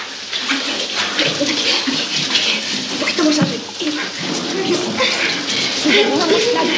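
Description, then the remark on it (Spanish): Shower water runs steadily, falling on a man's face as a couple stand in the shower, a dense continuous hiss that never lets up. Faint voice sounds rise and fall beneath the spray. “El agua le cae en la cara.”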